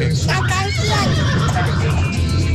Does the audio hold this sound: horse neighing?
yes